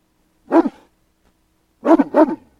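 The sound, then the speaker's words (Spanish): A large dog, a Great Dane, gives three loud, deep barks: a single bark, a pause of over a second, then two quick barks in a row. “Ay, haz que deje de ladrar, va a despertar a la beba.”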